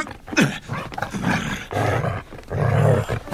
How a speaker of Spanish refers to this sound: ¡Aleja tu sucio perro de mí!